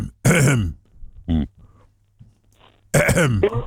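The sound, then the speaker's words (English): A man clears his throat in three rough, gravelly bursts, loud, with short pauses between them and a faint low hum underneath. “No, he's just clearing his throat.”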